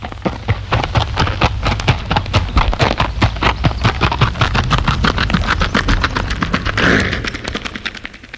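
Rapid, steady hoofbeats of a galloping horse, produced as an artificial sound effect, running loud for several seconds with a constant driving rhythm before fading out near the end.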